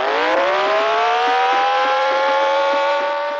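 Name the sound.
car chase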